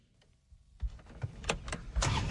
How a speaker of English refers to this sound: fires up an ATV to cruise through his 150-acre farm.